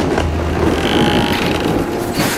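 A door's mechanism grinds open with a steady, loud ratcheting clatter of clicks and a low rumble, running unbroken for a couple of seconds with no voices.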